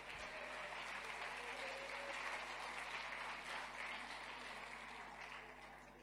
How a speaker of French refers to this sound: Applaudis encore notre Dieu.